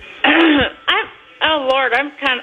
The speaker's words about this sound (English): Also, do you need to clear your throat? It sounds like you got a loogie stuck in there.